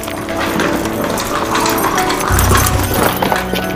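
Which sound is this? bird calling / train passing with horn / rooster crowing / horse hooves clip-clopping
horse hooves clip-clopping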